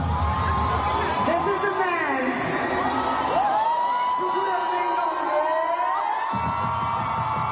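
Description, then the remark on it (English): A large concert crowd cheers loudly at the opening night of the Dream Girl India tour in New Delhi, with high whoops and shouts rising and falling over a constant, dense roar of voices. “What began as a night of chart-topping hits and roaring applause soon became the most defining moment of”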